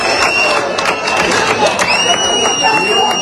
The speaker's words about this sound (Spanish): Pero dentro de esas protestas también hubo agradecimientos. Para fuera en seguridad del Estado, que demasiado están los pobres haciendo. Este aplauso va para ustedes, señores.